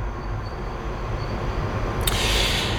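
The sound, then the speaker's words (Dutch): A Paris Metro line 5 train near Porte de Pantin station rumbles steadily with a heavy low-end roar, then a sharp hiss of air bursts out near the end and lingers as the carriages keep rolling. “Dichtbij de metrohalte, Porte de Pantin, lijn 5.”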